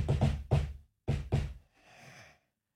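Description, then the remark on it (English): Five loud knocks on a door by a salesperson in a familiar rhythmic pattern, three quick raps, a short pause, then two more, followed by a soft breathy exhale. “So, you know, what you have to do, and what these salespeople are doing now, which is just genius, is they give you the familiar knock.”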